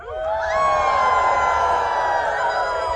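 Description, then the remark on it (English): A crowd at a Sasquatch calling contest howls together like wolves in a full moon howl. The pitch swoops up at the start, then holds as one long, loud, wavering chorus for nearly three seconds. “Can I hear a little full moon howl?”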